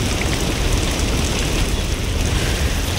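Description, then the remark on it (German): Steady rain pours down in a dense, continuous, loud hiss, with no voices and no breaks for the full few seconds. “Oh, es regnet.”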